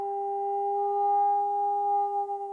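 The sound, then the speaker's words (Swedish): A sonar ping sent down from a boat directly above the Challenger Deep toward the seabed to measure its depth, rendered as a steady electronic tone: a pure, mid-pitched hum with a fainter higher partial, held evenly for over two seconds and wavering slightly as it ends, with no voices. “Och det man har gjort då är att skicka ner ljudvågor.”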